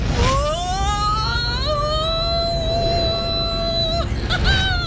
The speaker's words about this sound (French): un petit avion à spatule pour se poser sur la glace.